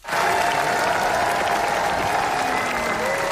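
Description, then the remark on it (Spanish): A dense, steady wash of applause from a large crowd at the Cannes Film Festival, an eight-minute ovation for Rodrigo Sorogoyen's film El ser querido, loud and sustained throughout with no break, the many claps blurring into a continuous roar. “En el Festival de Cannes, 8 minutos de ovación para El ser querido, de Rodrigo Sorogoyen.”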